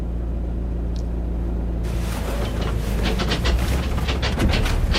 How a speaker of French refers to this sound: Le champ, il y en a juste là-bas. Donc, on se rapproche en voiture du champ.